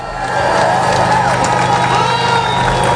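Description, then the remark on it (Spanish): A large crowd cheers and applauds continuously on both sides of the Gibraltar border fence, celebrating the final fall of the border, with overlapping shouts and whistles forming a dense, loud wall of noise outdoors that holds steady throughout. “Aplausos, claro, a uno y otro lado de la verja del Peñón para celebrar la caída definitiva de la frontera”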